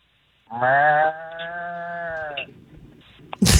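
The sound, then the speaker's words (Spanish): A person imitates a bull's bellow with one loud, drawn-out, steady lowing call of about two seconds, followed by quieter rustling and a brief sharp burst of noise at the very end. “Una vaca, escuchemos la vaca. Bueno, un toro.”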